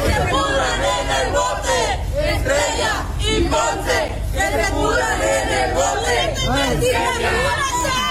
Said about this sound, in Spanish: Se los llevaron ya a la Fiscalía General de Justicia, a las oficinas en el municipio de Altamira. Ahí la gente los estaba esperando, sí, manifestantes, que les gritó sus cosas.